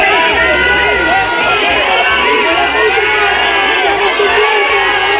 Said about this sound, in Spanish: Abucheos para el titular de Interior de unos ciudadanos cansados de mentiras, hartos de promesas y que se sienten abandonados en lo que ha sido la mayor crisis vivida en su ciudad.